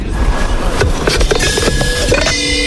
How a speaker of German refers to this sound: Wie die Eiswürfel da in dieses Ding reinknallen.